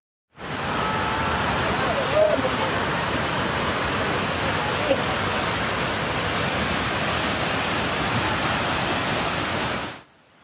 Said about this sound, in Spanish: El desbordamiento de un río, presuntamente bloqueado por un deslizamiento de tierra, desencadenó esta emergencia.